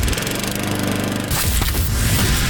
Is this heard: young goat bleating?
no